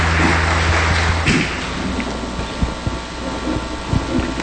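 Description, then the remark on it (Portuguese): An audience claps together for the word of God just proclaimed, in a dense, steady wash of applause, with a low sustained tone underneath for the first second or so before the clapping carries on alone. “Uma salva de palmas à palavra de Deus que acabamos de proclamar.”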